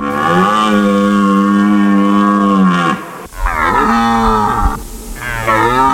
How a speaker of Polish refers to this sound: Niedźwiedzie, no nie ryczą o tej porze roku, raczej wypasają się, a teraz jelenie mają swoje gody i samce jelenia ryczy na rakowisku, przywołując samice i odganiając konkurencję.